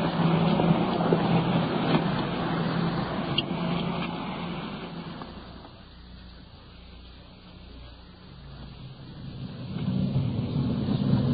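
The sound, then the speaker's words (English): A car drives along the road with a steady engine drone and road rumble, fading down briefly in the middle before building back up. Nobody speaks. “So, let's get back to our car and get underway.”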